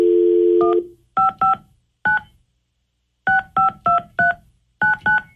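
A steady dial tone cuts off, then a series of short touch-tone beeps is punched in irregular bursts as radio station 102.5 KDON places a call to a listener, some keys in quick pairs or runs with brief pauses between, clear with no talking.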